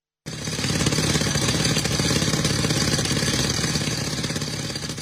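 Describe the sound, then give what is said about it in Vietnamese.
A concrete drill breaks large rocks in a mountain forest at the former Vị Xuyên battlefield, Tuyên Quang province, Vietnam, as a military team searches for soldiers' remains; rapid, unbroken hammering, loud, with a rough mechanical roar behind it and no voices. “Tiếng máy khoan bê tông vang vọng giữa núi rừng khi tổ công tác quy tập hài cốt liệt sĩ thuộc Bộ Chỉ huy Quân sự tỉnh Tuyên Quang phải phá những khối đá lớn để tìm kiếm dấu vết tại các điểm cao của chiến trường Vị Xuyên năm xưa.”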